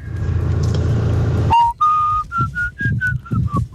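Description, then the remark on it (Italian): After a second or so of loud rumbling engine-like noise, someone whistles a western-style film tune in a recorded voice message, a clear melody of sustained notes rising and falling in a steady rhythm. “Allora, stiamo parlando di fischi questo pomeriggio. Tanti messaggi vocali”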